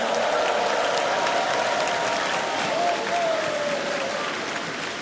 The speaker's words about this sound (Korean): 네, 힘찬 무대를 보여준 우리 어린이 합창단에게 다시 한번 큰 박수 보내주시기 바랍니다.